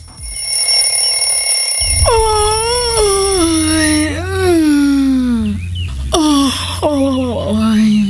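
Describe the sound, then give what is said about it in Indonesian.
Two long, drawn-out yawns, voiced and sighing, with a pitch that slides downward and wavers before fading, the second shorter than the first, over a low steady hum. “Menguap.”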